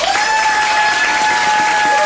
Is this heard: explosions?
no